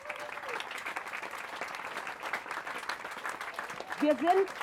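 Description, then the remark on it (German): Sustained audience applause for the playground builders from Tollerei, a dense, steady patter of many hands clapping throughout, with a voice briefly speaking over it near the end as the clapping continues. “Und jetzt ein großer, und da glaube ich, ein großer Applaus für unsere Spielplatzbauer von der Tollerei.”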